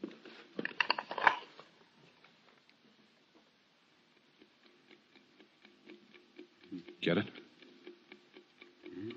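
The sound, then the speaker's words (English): A watch inside a parcel, heard through a stethoscope, ticks steadily and softly, a regular run of small clicks continuing for several seconds, with brief bursts of someone speaking near the start and near the end. “Fluoroscope indicates a watch inside. Let's put a stethoscope on it.”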